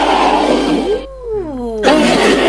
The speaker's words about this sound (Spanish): Y ahí es cuando ingresa el T-Rex ya rugiendo.